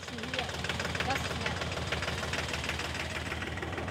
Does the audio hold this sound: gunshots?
no